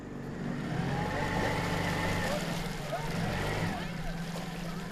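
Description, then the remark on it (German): A small boat motor chugs steadily at low speed on an overgrown canal in the Krummhörn, heading toward Pilsum, running at only half power after driving into a mat of weeds and algae; a continuous drone with a faint rhythmic pulse, mixed with water and wind noise and some indistinct voices. “Der Motor läuft nur noch mit halber Kraft.”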